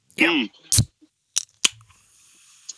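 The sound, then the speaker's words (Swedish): A can of raspberry soda is cracked open: a short burst of fizzy hiss followed by a couple of sharp metallic clicks, preceded by a brief voiced sound and ending in quiet. “Och så pyset. Eller hur? Man måste ha pyset.”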